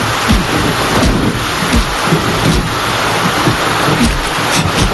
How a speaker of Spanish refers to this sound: hace malos recuerdos me trae esta lluvia.